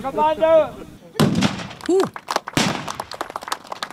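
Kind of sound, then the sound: cannon salvo firing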